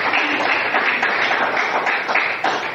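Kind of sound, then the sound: crowd, audience applause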